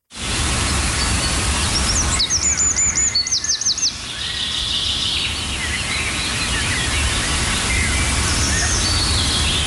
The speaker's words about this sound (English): We'll spend even the smallest amount of time of outdoors and you'll hear those sweet, gentle sounds of bird calls, the chickadees, the sparrows, the warblers,